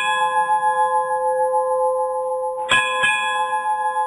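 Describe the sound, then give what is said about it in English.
Bells ring with bright, sustained metallic tones that hang in the air, then two fresh strikes land close together near the end, loud, with no voices. “Well, come on over, everybody, because I got front row seats for y'all, because we're going to go to the movies right after we ring them bells.”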